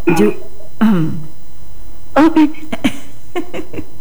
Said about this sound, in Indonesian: Kenapa pakai berdeh? Pakai berdehem begitu ya?